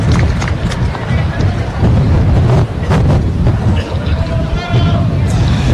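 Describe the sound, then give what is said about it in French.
Wind blowing in toward right field at a baseball game buffets an ambient microphone in a steady, loud low rumble with uneven gusty surges, while a faint murmur of voices sits underneath. “Donc, vous pouvez quand même entendre le vent un peu avec le micro d'ambiance, le vent qui rentre le...”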